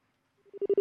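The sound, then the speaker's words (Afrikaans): A rapid series of short, steady telephone tones pulses in quick succession, growing louder over the first half-second, the line signal after a caller has hung up, with no voices. “Oh, daar die luisteraar nou daar afgeklim van die lyn.”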